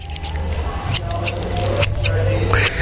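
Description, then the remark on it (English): Scissors snip through paper to make a Cthulhu cutout, a series of crisp, irregularly spaced cuts over about three seconds, with a steady low hum running underneath. “I'll just make some adjustment here with the scissors.”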